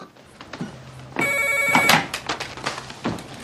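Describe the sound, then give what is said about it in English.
A telephone rings once in a short electronic burst of bright, stacked tones, followed by soft clattering and handling noises as a man puts a cat on the sofa and picks up the phone. No one speaks. “puts the cat on the sofa and answers the phone.”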